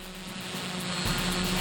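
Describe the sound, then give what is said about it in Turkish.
A steady mechanical buzz from a small, unsteadily flying drone hums at moderate volume, then shifts pitch and grows rougher partway through, wavering unevenly as its motors strain. No voices are heard. “Drone biraz dengesiz görünüyor.”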